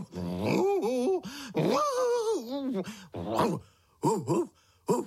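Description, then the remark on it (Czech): A man's voice imitates a dog, producing a string of drawn-out growls, whines and short barking yelps with brief pauses between them, fairly loud. “Vlastně štěknout. Nerozumím tě ani štěk, štěkáš strašně nesrozumitelně.”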